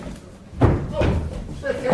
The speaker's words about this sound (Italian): Bussano!